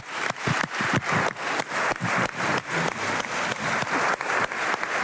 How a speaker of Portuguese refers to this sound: Aplausos de pé de todas as bancadas parlamentares do Chega até aqui ao PCP e Bloco de Esquerda que ocupam o outro lado do hemiciclo. Todos de pé a aplaudir este voto de saudação pelos 50 anos das autonomias regionais, também os membros dos governos